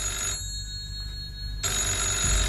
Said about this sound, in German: Eben als er die Stube betrat, klingelte das Telefon.